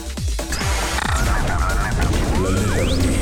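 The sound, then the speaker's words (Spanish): The cartoon bird Gustok, Snoopy's friend, squawks in loud, rapid, honking bursts that run together for several seconds, with a few sliding whistle-like tones near the end. No one speaks. “Amigo, el pájaro Gustok, el amigo de Snoopy.”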